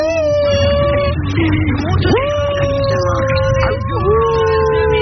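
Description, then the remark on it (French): A small miniature pinscher dog weighing about 5 kilos howls in long, wavering, high-pitched wails that rise and fall, with a steady low hum underneath throughout, fairly loud. “il fait des bruits comme ça. C'est quoi comme modèle de chien ? C'est un pincernin.”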